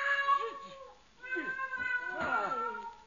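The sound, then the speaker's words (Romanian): A cat meows three times in a row, each cry drawn out and wavering, fairly loud, with no one talking over it. “Ia, o pisica.”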